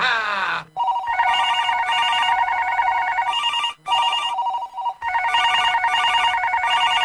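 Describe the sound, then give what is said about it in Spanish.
A radio station telephone rings with the first call of a call-in contest, an electronic warbling tone repeating in several bursts separated by brief pauses, loud with no talking over it. “Los teléfonos ya están listos y esperamos el primer llamado.”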